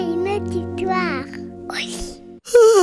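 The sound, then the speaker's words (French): A drawn-out, voiced yawn, its pitch sliding and wavering, trailing into a breathy exhale before a louder, sudden vocal sound at the very end. “Oh là là, je bâille, mes yeux piquent, toi aussi?”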